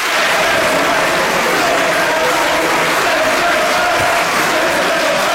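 In the European Parliament, conservative and far-right members supporting a deportation bill applaud while chanting "send them back" in unison after the vote result is announced, a loud, dense, continuous roar of clapping and shouting filling the whole stretch without pause.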